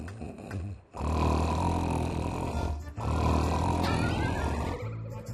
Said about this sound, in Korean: 코 겁나 꼬네.